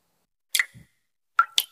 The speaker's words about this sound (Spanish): ¿Y eso qué se oye? Ah, eso. Nada, que me gotea la ducha.